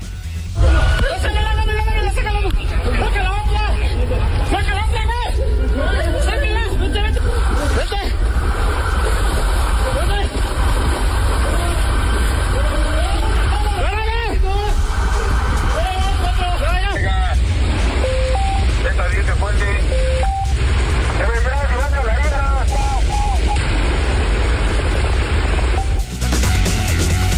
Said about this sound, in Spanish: Escuche usted, este es el momento en que los policías rescatan a un conductor que de plano quedó atrapado su vehículo en un bajo puente en la ciudad. Impresionante la lluvia el día de ayer, las inundaciones, las afectaciones, el tráfico, etcétera.